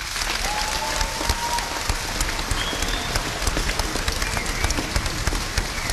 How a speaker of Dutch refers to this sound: Maar er zijn nu nog vrijwilligers die waken over de fietsen. En daar wil ik een apart applaus voor.